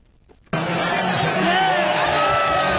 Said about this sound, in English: Jubilant soccer fans in Madrid, Spain, cheering on their team as Spain dominated rival Argentina Sunday to win the World Cup championship in East Rutherford, New Jersey.